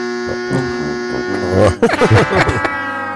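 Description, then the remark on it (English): A harsh electronic elimination-button buzzer drones steadily for about a second and a half, then breaks into choppy bursts as voices talk over it. “I don't have the elimination button. He does when it's one of us.”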